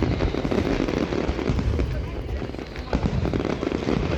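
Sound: fireworks exploding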